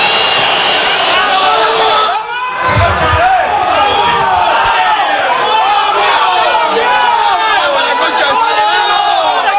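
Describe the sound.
A huge football stadium crowd roars and chants continuously after Huracán's 2-0 win over San Lorenzo in the 2026 Clausura tournament. Many voices blend into a dense, loud wall of celebratory singing and shouting, with a brief dip before the chanting surges back.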